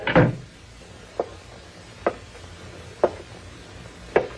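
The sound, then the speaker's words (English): A door shuts with a loud wooden thud, followed by four sharp, evenly spaced taps about a second apart, otherwise quiet. “You close that door and come back here. Close it, I said.”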